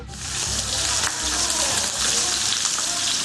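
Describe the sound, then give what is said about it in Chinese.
Steady sizzling of goat cheese cakes (rubing) pan-frying in hot oil, a dish for a New Year feast, a continuous dense crackle with faint spits and pops throughout and no voices. “在盛宴里，香煎乳饼算不上主角，但却是不可缺少的菜肴。”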